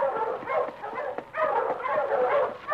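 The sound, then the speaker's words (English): A pack of husky sled dogs barking and yelping together in a continuous, overlapping chorus, steady in loudness, with no one speaking. “Ho, you huskies!”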